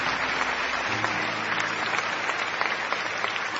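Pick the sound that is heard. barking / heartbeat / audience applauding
audience applauding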